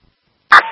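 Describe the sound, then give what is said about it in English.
A single sharp, loud dog bark breaks the silence, followed by a brief fading ring as it trails off. “And the dog is barking as well.”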